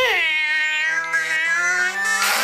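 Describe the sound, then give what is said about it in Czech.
A single long, drawn-out cat meow, loud, wavering in pitch as it stretches for a couple of seconds with no talking around it. “A ty ukaž, co umíš, mňoukalko.”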